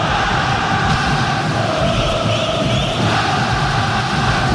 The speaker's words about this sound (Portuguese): Que show, hein? Que show, torcida do Vasco. Se fazendo presente, você vai ouvindo aqui com a gente na TMC.